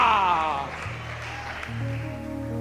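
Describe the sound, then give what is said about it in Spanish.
An audience at a church service claps steadily, the dense patter of many hands sustained throughout, mixed with sustained musical tones and a voice underneath. “Dele un aplauso en esta hora.”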